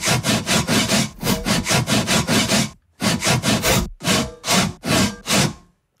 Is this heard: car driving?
no